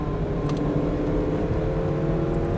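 The engine of an Italian car, a 5-litre twelve-cylinder, runs steadily, a continuous low rumbling hum with a faint whir above it, holding an even level throughout with no voices.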